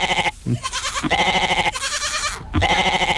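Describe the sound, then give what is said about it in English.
A goat bleating sound effect: loud, insistent, several long, wavering calls separated by brief pauses, with no other sounds around it. “I'm assuming that we've got goats on the Hume Highway”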